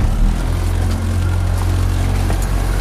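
The engine of an 8-metre motorboat on the Vltava river in Prague, setting out during a final exam for a small-craft licence, drones steadily and loudly, a deep rumble with layered low harmonics and a constant wash of water and hiss above it, with no voices.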